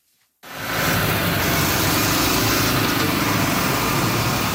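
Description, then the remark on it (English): After a brief moment of silence, the loud, steady roar of bulldozers and dump trucks repairing storm-damaged roadways in Cape Breton kicks in, a continuous heavy engine rumble with no voices. “Bulldozers and dump trucks are busy repairing damaged roadways from this weekend's major storm.”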